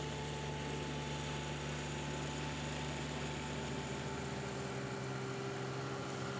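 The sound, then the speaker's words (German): Greenkeepers' lawn mowers cut the playable fairways of a golf course, a steady droning engine hum with a faint tonal whine and broad rushing noise, unbroken throughout, with no voices. “Auch im Winter rücken die 25 Mitarbeiter mit ihren Rasenmähern aus.”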